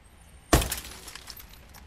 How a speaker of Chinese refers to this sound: 正当赵所长向司机们了解黑社会敲诈勒索信息的时候，突然听到大门外砰的一声巨响，赵所长的警车玻璃被人砸了。